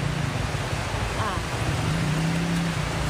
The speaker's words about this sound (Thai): เป็นความยากลำบากของคนกรุงในช่วงเช้าวันเสาร์ที่ฝนตกหนักยังไม่จบเลยนะคะฝนตกหนักยังไม่จบเลยค่ะน้ำตลอดทั้งคืนนี้ก็คือเต็มคลองแล้วระบายไปไม่ได้แล้วนะคะ